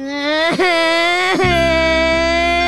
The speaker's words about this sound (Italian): Che cazzo stai piangendo? Piange!